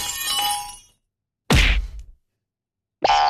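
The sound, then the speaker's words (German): Comic-book style sound effects, the kind written as Klirr, Knuff and Boing: a bright crash of shattering glass rings out and fades within a second, followed after a pause by a heavy thump and then a springy, rising boing. “Die Erika Fuchs, die schreibt wahnsinnige Texte, zum Beispiel so Sachen wie Klirr, Knuff und Boing.”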